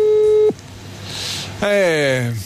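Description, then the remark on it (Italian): A steady telephone ringback tone sounds once, briefly and clearly, then cuts off with no answer during a live phone call to someone at the beach, and after a short pause a voice begins speaking. “Vediamo, poi è in spiaggia, chissà che voglia che ha di rispondere al telefono.”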